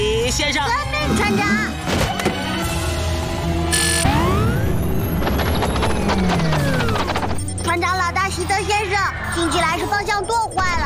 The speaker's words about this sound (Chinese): 阿奇，把绞盘放下来。